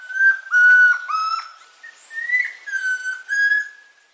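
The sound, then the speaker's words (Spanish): A chestnut-crowned antpitta sings a series of clear, loud whistled notes, several short phrases in steady succession with slight pitch rises, alone against a quiet background; a recording from a Colombian bird sound collection. “El trino del tororoy comprapán forma parte del Banco de Sonidos de Aves Colombianas, recopilado por el Instituto von Humboldt y la Universidad de Cornell.”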